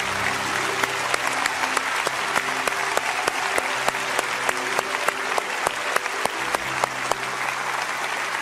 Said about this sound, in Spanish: Madres que están aquí, pónganse de pie. Quiero bendecirlas a ustedes. Aplauda a cada una de esas mujeres.